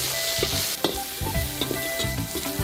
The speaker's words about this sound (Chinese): 猪肉大火爆香